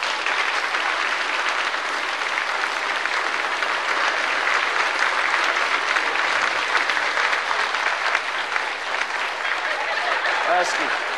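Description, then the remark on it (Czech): Sustained applause from an audience for a contestant who scored a five fills the whole stretch, a dense, steady wash of many hands clapping with no pauses, joined late by a few higher cheers. “A ještě jí tleskejte za tu pětku, to je nádhera.”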